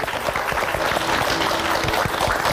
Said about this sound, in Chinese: 让我们掌声有请著名表演艺术家刘静。